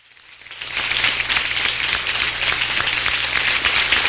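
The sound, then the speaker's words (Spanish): Applause from a studio audience swells in over the first half second, then holds as a dense, steady wash of many hands clapping, fairly loud, with no voices on top. “A ver, arriba con ese aplauso.”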